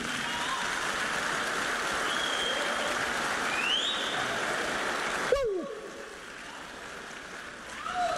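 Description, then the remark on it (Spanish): An audience breaks into dense, steady applause after the preacher says Jesus Christ is present, holding loud for about five seconds, then cuts off abruptly into a quieter tail with a few faint high whoops. “Aplausos, sí.”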